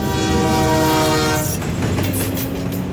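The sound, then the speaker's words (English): A train roars past, its horn blaring loudly for the first half before giving way to a heavy, steady rumble of cars rolling along the tracks. “As I came around the corner, I saw a train approaching, just ahead of the sheriff.”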